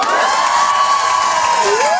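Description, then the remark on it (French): A large audience of girls cheers and shrieks continuously, a dense wall of loud, high-pitched screaming and shouting with piercing voices rising above the crowd noise throughout. “Les filles, faites du bruit pour moi.”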